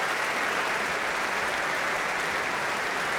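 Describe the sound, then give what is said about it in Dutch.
Sustained audience applause for the brass players of an orchestra at a concert with Elgar's Enigma Variations, a dense, steady wash of many hands clapping at an even level throughout, with no voices heard over it. “En nu applaus voor alle koperblazers.”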